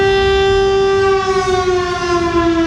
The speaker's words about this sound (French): si on a une urgence absolue à Cambrai, eh bien on pourra réactiver cette sirène pour alerter la population. En plus de celle du Beffroi en centre-ville, deux autres sirènes se trouvent au sommet de Château d'Eau, dans deux quartiers de Cambrai.